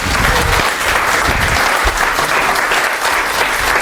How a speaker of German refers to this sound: So richtig so, wenn ihr in beide Hände klatscht, ist das sogar lauter, ne? Also wenn ihr jetzt mal so richtig Gas gebt, vielleicht kommt die dann, ne?